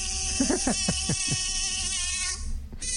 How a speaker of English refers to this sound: What is that? Sorry, it was a mosquito in the studio. No, seriously, what is that? She must have played a little bit of a sound effect.